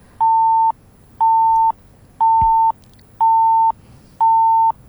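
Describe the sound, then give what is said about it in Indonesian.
Five steady, evenly spaced electronic beeps from a phone signalling an incoming call, each about half a second long and repeating once per second, clear and fairly loud with no talking. “Ini yang mana nih yang bunyi seperti ini? Karena ada telepon lain juga yang masuk ini.”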